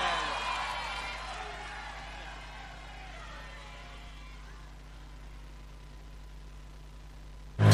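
A crowd applauds and cheers, loudest at the start with a few high whoops, then the clapping thins into a steady low murmur that fades over several seconds.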